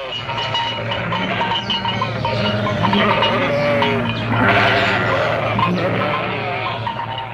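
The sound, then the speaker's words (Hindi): A large flock of sheep and goats bleats nonstop, many overlapping calls rising and falling over a steady low rumble, fairly loud throughout. “ये लोग अपने साथ गाय, बैल, भेड़ बकरियां और घोड़े लेकर आए थे।”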